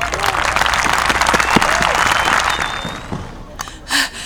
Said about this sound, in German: Wie bereits angekündigt, wird Simut, König der Pinguine, die jährlichen Festtage mit seiner Festrede nun höchstpersönlich eröffnen. Also, einen kräftigen Applaus für unseren König.